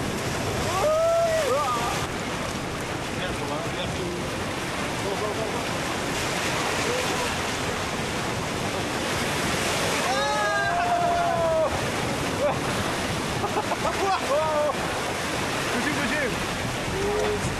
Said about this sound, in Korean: 파도가 쳐.